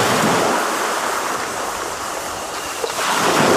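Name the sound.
ocean waves surf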